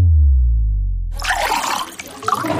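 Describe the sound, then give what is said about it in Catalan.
A low, falling hum gives way to the steady splash of Font Vella water being poured into a glass for a toast, continuing to the end with no voices. “Però brindes amb aigua?”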